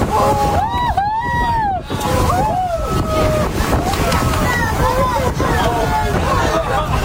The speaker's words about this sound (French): C'est incroyable! Ce que vous entendez, ce sont les réactions du groupe à une dizaine de dauphins à nez blanc qui sautaient les uns après les autres hors de l'eau.